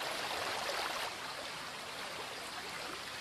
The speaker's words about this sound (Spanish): En el interior de la garganta, las aguas filtradas por la roca en las alturas surgen impetuosas en multitud de chorros. Es la fuente de Escuaín, curiosidad de la naturaleza de soberbia belleza.